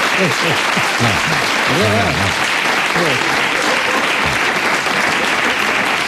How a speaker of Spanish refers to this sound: Y ustedes no deberían aplaudir algo así.